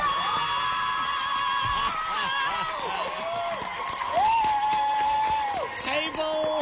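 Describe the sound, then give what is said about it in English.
A crowd cheers and whoops steadily throughout as Table Mountain Aerial Cableway is announced winner of Best Tourist Attraction, many overlapping voices rising and falling at a fairly loud, constant level, with a few shouts standing out near the end. “How's that crowd in the background?”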